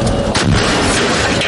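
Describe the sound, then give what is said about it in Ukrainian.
A single loud artillery blast from a howitzer firing its 6,863rd shell at the enemy, a heavy booming shot with a broad rumbling burst that lingers and reverberates through the whole moment, with no talking. “6863! Постріл!”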